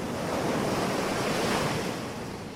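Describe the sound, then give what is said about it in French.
Steady roar of Atlantic Ocean surf breaking on a white sand beach, a continuous wash of rushing water with some wind, fairly loud, easing slightly toward the end. “Ce sont les vacances et vous posez votre serviette sur une plage de sable blanc en face des vagues de l'océan Atlantique.”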